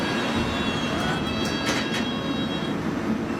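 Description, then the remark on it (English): A London Underground Hammersmith and City Line train to Barking at Edgware Road station, a steady rumble with a thin high whine, broken midway by a few brief sharp metallic squeaks or clicks. “Mind the gap between the train and the platform. This is Edgware Road.”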